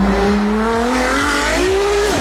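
A synthetic race car engine note, a fake sound fitted to an electric sports car to make it sound like a real racing car, climbs steadily in pitch, loud, with a buzzy tonal whine and a brief dip near the end like a gear change; no voices.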